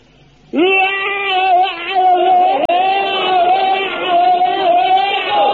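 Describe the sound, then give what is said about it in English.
A man lets out a single loud, sustained bayonet drill battle scream lasting about five seconds, holding a fairly steady high pitch with slight wavering, with no other sounds around it. “Now, you fill your lungs up with the air and let it out like this.”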